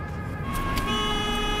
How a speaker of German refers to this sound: Ein LKW, da Lichter.